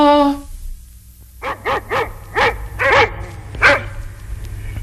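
A short tonal sound opens, then after a pause comes a burst of loud, agitated dog barking, about six sharp barks in an uneven, rapid rhythm, fairly close.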